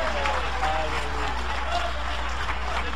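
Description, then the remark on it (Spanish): An audience applauds for Jesus in a dense, steady wash of clapping that holds evenly for about three seconds at night, with a few voices calling out faintly within the crowd noise. “Cuando creen que el Señor está aquí esta noche, dale un aplauso de poder a Jesús.”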